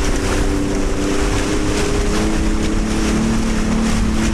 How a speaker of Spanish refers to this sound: escucha cómo suena la moto de agua aquí en el puerto de Mazarrón.